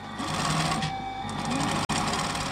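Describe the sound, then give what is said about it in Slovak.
A Sorbian seamstress's sewing machine stitches steadily, a dense mechanical whir with rapid repetitive clatter that holds its level throughout. It is broken only by a brief silent gap near the end. “Typiski ta zvuk šijavy, když ve Švajčani stejš.”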